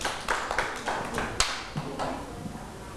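Children clap in a loose, uneven burst of sharp slaps that thins out and fades after about two seconds, leaving a quiet hiss. No one speaks.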